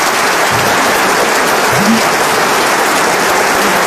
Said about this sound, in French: On peut applaudir nos grosses têtes qui ont défilé devant Sylvie.